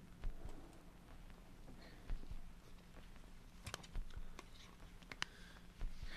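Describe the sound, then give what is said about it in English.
Dry papery rattles and scattered sharp clicks crackle irregularly over a steady low hum as sound makes sheets of paper buzz and vibrate, fairly quiet, with no voices. “which was created by making sound on paper.”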